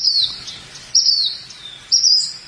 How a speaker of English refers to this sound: There's that mystery bird again.